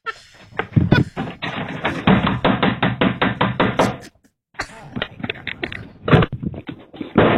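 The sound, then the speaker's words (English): Loud, rapid pounding on a door by a man outside trying to get in, fist blows coming in quick succession, breaking off briefly and then starting up again just as hard, with no one talking. “He outside banging on the door trying to get in.”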